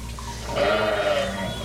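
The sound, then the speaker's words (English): A single lamb named Pinky, from a shepherd's flock, bleats in a long, wavering, plaintive cry while in trouble, fairly loud, with no talking over it. “I heard you cry. I'll always hear my sheep when my sheep are in trouble.”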